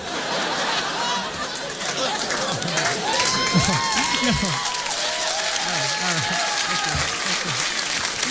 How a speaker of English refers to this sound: This is so unusual to hear so much applause. I think you're trying to trick me and make me think I'm done.